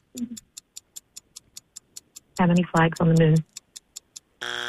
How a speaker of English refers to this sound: Oh, that's our buzzer.